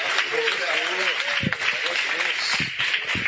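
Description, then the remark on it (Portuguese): A church audience claps for Jesus steadily for a few seconds, a dense, continuous wash of many hands at an even loudness, with some voices rising faintly above the applause. “E as palmas bem bonitas, bem bonitas, bem bonitas, para Jesus.”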